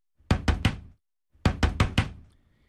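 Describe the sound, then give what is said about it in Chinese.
Two quick bursts of knocking on a door, three sharp raps, a short pause, then four more, loud with no voices. “谁啊？ 开门！”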